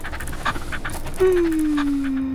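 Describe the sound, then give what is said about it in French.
A small dog pants in quick, rhythmic breaths while being petted, and a steady low whine or hum comes in halfway through and keeps going under the panting. “caresse le petit chien.”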